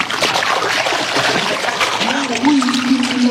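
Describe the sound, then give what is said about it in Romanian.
A fishing net hits the water with a steady wash of splashing and churning that carries on throughout, and a low sustained voice-like tone rises in near the end. “Rotește-o de trei ori prin văzduh, apoi arunc-o în apă.”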